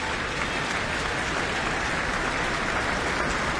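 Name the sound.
orchestra audience applause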